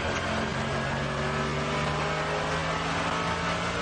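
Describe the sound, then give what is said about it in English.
Loud, continuous race car engine heard from onboard as the car comes down to the bridge on the track, a steady harmonic drone that shifts pitch slightly as the driver changes gear, with no voices present. “Well, he's still changing gear.”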